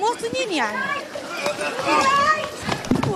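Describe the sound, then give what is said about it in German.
A crowd runs in chaos amid tear gas grenades fired by police, with hurried footsteps under loud, overlapping shouts and cries. A few sharp knocks punctuate the commotion near the end. “Kurz darauf fliegen wieder Tränengasgranaten. Beißender Rauch wabert durch die Luft, Menschen rennen wild durcheinander.”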